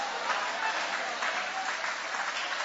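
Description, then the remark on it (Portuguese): An audience applauds steadily with hands raised during worship, a dense, continuous wash of hand claps with no pauses, holding an even, fairly loud level throughout. “Levanta a mão e vai aplaudindo.”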